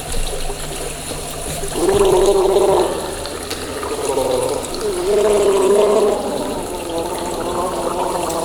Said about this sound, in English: Can we want some more water? And we'll make a sort of, please just gargle in approval or disapproval. Kind of quiet. A gargler, you can belch as well. It's fine.